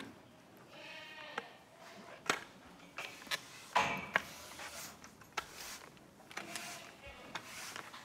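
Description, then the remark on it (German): Goats bleat in a stall at the Rösebach goat farm in Thuringia, Germany, as they are brought out of the stall, several drawn-out cries rising and falling, mixed with sharp metallic clanks and knocks scattered through the scene. “Wir bringen jetzt erstmal die Ziegen raus, damit wir Platz im Stall haben, um unsere Trockensteher reinzuholen.”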